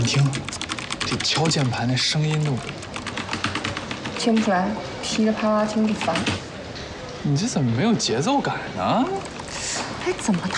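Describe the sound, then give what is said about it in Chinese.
Rapid, continuous clattering of fingers typing on a computer keyboard, fairly loud, with people talking over the steady stream of key clicks. “你听，这敲键盘那声音都…… 听不出来，噼里啪啦听着烦。”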